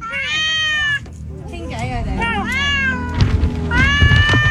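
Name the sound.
cat meowing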